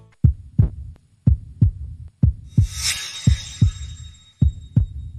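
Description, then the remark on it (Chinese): A steady, strong heartbeat of a healthy heart heard as if through a stethoscope, played as a demonstration on a TV health program, with paired lub-dub thumps repeating about once a second, muffled, with a soft hiss rising briefly in the middle. “我觉得这一定是一颗健康的心脏发出的有规律而有力的心跳声。”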